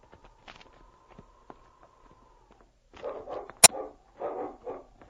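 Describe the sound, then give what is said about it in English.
After a quiet stretch with a few faint taps, King, a search dog, barks at a big pile of rocks in two short, loud clusters of rapid barks, with one sharp crack between them. “He's barking over at that big pile of rocks.”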